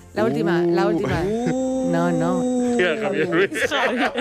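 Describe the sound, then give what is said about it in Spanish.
A donkey bray that has been slowed down, deep and drawn out into a long, groaning, moo-like tone that holds steady before breaking into rougher, wavering bursts near the end. It is loud. “El burro estaba ralentizado porque descubrió que el sonido de un burro pues tenía varias tonalidades y al ralentizarlo pues consiguió ese sonido.”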